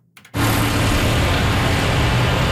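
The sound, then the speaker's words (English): A few faint clicks, then a loud, steady rumble of tractor engines at the first annual Farmer Games, a farm strength competition, with a deep, throbbing low drone and broad roaring noise above it that holds constant to the end. “The low rumble of tractor engines, the scent of manure in the air, all perfect dressings for the competition unfolding on a stage of packed dirt lined with corral panels.”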